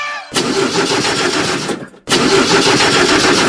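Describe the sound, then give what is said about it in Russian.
A heavy truck engine cranks loudly in two long bursts, with a steady grinding churn from the starter, stopping briefly in between, and never catches because one battery has died. “Опять не заводится грузовик, автобус или фура?”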